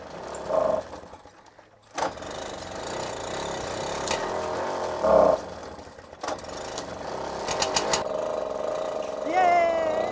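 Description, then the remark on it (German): A small low-horsepower two-stroke moped engine buzzes and putters continuously, with a few sharp revs and a rising whine as it speeds up near the end. “Mit Zweitaktmotor und wenig PS ist sie mit ihrer Gang unterwegs. Die läuft wie immer.”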